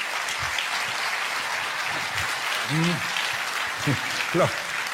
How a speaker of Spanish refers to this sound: Los que están aplaudiendo son los que lo pescaron. Y los que no aplaudieron también lo pescaron, pero no quisieron aplaudir.